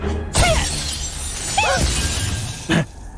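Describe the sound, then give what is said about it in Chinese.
The glass of a car door on the boss's newly bought luxury car shatters in three separate bursts, each a sharp crash followed by bright, ringing fragments, fairly loud against a low background hum. “老板，糟了，把老板新买的豪车车门给撞碎了，好像像什么宝驴，听说老贵了。”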